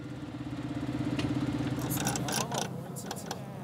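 A tractor, stopped so its driver can close the spreader's slide a little, idles with a steady, low throbbing rumble and even pulses. Partway through, short bursts of hissing, rattling noise break in over the continuous motor.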